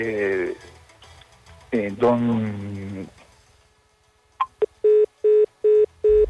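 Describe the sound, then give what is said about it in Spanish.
A voice speaks briefly, then after a pause a couple of clicks give way to five loud, evenly spaced electronic beeps: the tone of a listener's phone call to Radio Éxito being cut off. “Lastimosamente, se le cortó la comunicación.”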